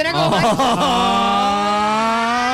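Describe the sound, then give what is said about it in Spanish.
A voice imitates a Colombian taxi driver's friendly 'friendship' horn: a quick warbling toot followed by one long, steady, nasal honk, loud, with no other sounds around it. “Y no les ha pasado que hay pitos que denotan emociones. Ese pito de amistad es lindo.”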